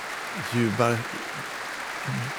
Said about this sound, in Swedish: Nu är hon inne på scenen igen. Hon vänder sig om mot orkestern och applåderar dem också.